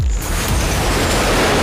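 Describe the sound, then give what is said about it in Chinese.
A loud, sustained roaring blast with deep rumble, like a rocket engine firing up, bursting in abruptly and continuing as a steady wash of noise for the whole moment, with no voices, as rockets loaded onto a data center building are ignited. “火箭点火”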